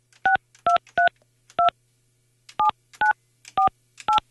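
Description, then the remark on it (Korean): A phone number being dialed to call a participant, who turns out to be on another call: eight short touch-tone beeps in two quick groups of four, each a clear dual-pitched chirp, loud with a faint low hum beneath and no talking. “제가 지금 전화하는데 고객이 통화 중이었 아 통화 중 아쉽습니다.”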